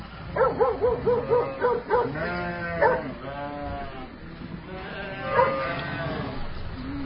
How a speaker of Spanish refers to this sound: Ahí tenemos los perros que también están trabajando, pastorcitos Marema. Así que bueno, estas son las ovejas clasificando, estamos clasificando el lana.